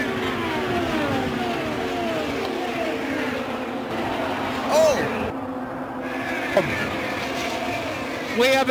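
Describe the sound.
Loud, continuous roar of several racing car engines, a pack about five wide heading into turn three of the track, with pitch sweeping up and down as cars go by, under excited commentary and a brief shout.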